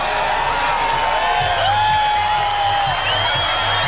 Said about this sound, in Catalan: Els milers de persones que s'han trobat a l'antic aeròdrom de Mangranes a Lleida han emmudit en els últims minuts abans de la totalitat, han començat a aplaudir quan faltaven pocs segons i han esclatat quan la lluna ha engolit el sol.